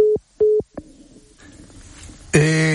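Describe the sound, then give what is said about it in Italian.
Two short, evenly spaced mid-pitched electronic beeps as the phone line to Ambassador Ettore Segui drops, followed by a soft crackle of line noise before a voice begins speaking. “La linea con l'ambasciatore Ettore Segui è decisamente caduta, lo abbiamo sentito da quei due bip.”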